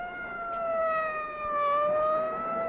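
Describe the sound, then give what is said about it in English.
A fire engine siren wails in a loud, steady tone that sags slightly in pitch and then climbs back, sounding alone with no voices. “Follow the fire engine.”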